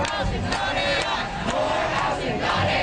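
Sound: protest crowd chanting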